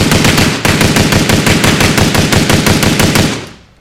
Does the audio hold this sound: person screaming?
no